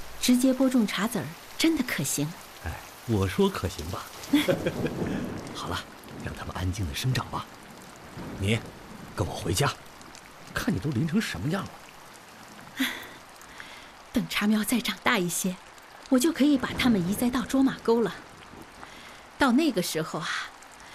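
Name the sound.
rain falling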